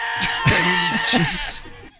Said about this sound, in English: Yeah, those are the goats that sound like screaming humans.